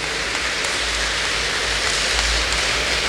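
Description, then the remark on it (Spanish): An audience applauds for Saint Francis of Assisi, a dense, steady wash of many hands clapping that holds at an even, fairly loud level throughout, with no voices standing out. “Un fuerte aplauso a San Francisco de Asís.”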